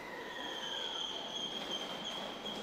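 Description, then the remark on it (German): A Thunderbird express train from Kanazawa rolls into a two-track station on the Noto Peninsula during cherry blossom season, wheels letting out a sustained high-pitched squeal over a steady, loud rumble of rail noise throughout, with no voices. “Wieder kommt ein Thunderbird aus Kanazawa angefahren.”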